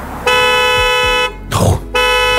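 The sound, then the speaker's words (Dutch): A Chinese car's horn blares as a rear-seat occupant alert after the car is locked with someone still on the back seat: two long, steady honks, the second cut off at the end, with a brief rustling burst of noise between them. “En dan gaat hem normaal gezien een signaal moeten geven omdat er beweging en mensen op de achterbank zitten.”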